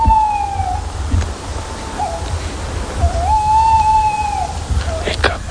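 A tawny owl in a tree, a few metres away, calmly gives long, wavering hoots, two drawn-out mid-pitched notes with a short broken call between them, over a steady low rumble of background noise.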